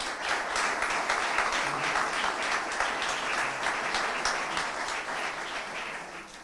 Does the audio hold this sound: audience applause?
yes